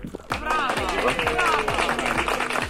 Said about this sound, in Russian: И порция аплодисментов.